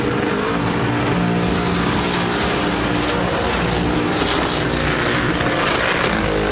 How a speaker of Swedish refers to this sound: Det var ingen som sa till mig här när de börjar köra bilarna. Gud vad det går fort.